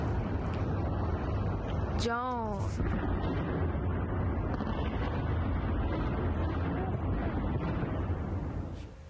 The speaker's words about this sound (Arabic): وهذه صور متداولة وصلتنا قبل قليل لتفعيل الدفاعات الجوية في العاصمة الإيرانية طهران بعدما دخلت في بنك الأهداف الأمريكي قبل 3 أيام من سلسلة الاستهدافات التي بدأت قبل 13 يوما.